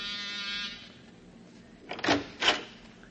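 A servant's call bell rings as a brief, steady, high buzzing tone lasting under a second and then cuts off, followed later by two short, sharp clunks. No one speaks.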